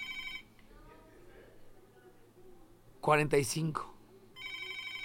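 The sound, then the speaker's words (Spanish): Several electronic telephones ring in short trilling bursts at the start and end, one of them vibrating, with a low steady hum underneath and a brief burst of a voice talking in between. “Vamos a ver, vean cómo suenan los teléfonos. Vean, todos los teléfonos suenan y este vibra.”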